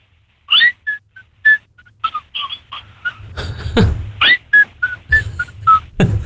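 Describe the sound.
A person whistles a bird-like melody of short, high chirping notes and trills, rising and falling in quick bursts, with some breathy noise and a low rumble toward the end.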